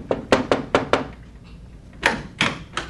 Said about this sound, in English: A year went by, and one day there was a knock at my door.